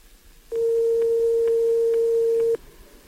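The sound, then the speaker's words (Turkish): A phone line ringing as radio station TGRT FM calls a listener: one steady, loud electronic ringback tone holds for about two seconds, then cuts off, leaving faint line hiss with no answer. “Telefonumuz çalıyor ama cevap veren yok.”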